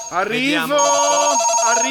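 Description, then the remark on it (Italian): A telephone rings loudly as a call is placed, a steady buzzing tone with bright overtones that holds for about two seconds with no talking over it. “Sì, vabbè, vediamo un pochettino se è già in linea, proviamo a telefonare.”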